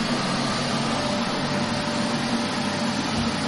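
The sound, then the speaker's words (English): A vacuum cleaner ASMR recording, used to fall asleep to: the vacuum runs with a steady, unbroken roar, a dense whooshing hiss over a low hum with a faint whine, holding the same loudness throughout with no voices. “Vacuum.”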